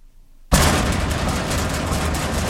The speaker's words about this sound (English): Uh-oh, that overhead door sounding a little dramatic. When your commercial door quits before coffee break, business grinds to a halt.